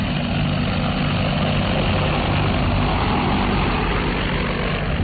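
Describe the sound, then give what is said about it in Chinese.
A steady, dense mechanical drone with a low rumble and broad buzzing hiss from the multirotor propellers of an agricultural crop-protection drone spraying pesticide and fertilizer over village rice terraces in China, holding constant for the whole stretch with no voices. “那里我们呢喷洒农药啊、打肥料啊，就用无人机。”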